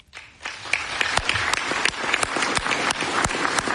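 Sustained applause from a large crowd at the Russian parliament, the Duma, giving President Putin a standing ovation, a dense wash of clapping with sharp individual claps standing out, steady and loud after a quick swell at the start.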